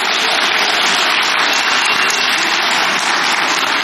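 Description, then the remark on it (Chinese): Steady, dense applause from a theatre audience at a comedy show, a continuous wash of many hands clapping at even loudness for a few seconds with no voices over it. “哎，谢谢您的掌声，这个节目啊换我给您表演。”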